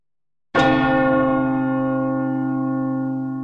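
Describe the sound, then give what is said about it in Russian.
A telephone rings while calling back a caller whose call dropped over a bad connection, with a loud, rich bell-like tone that holds steady for about three seconds before the next ring starts. No one speaks over it. “Сейчас мы сами вам попробуем перезвонить”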